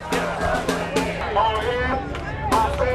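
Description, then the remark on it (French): A crowd of protesters at a demonstration in New York supporting Haitian migrants chants slogans in English together, many voices rising and falling in loud, rhythmic bursts over a steady hubbub of the gathering. “Les slogans scandés par la foule sont en anglais.”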